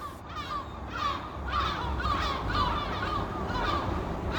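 A dense chorus of harsh, overlapping seabird calls repeats every half second or so, loud, over a constant low rumble of wind and surf, from a bird colony high on the Lummenfelsen cliff on the west side of Helgoland island, Germany, inhabited by many different bird species.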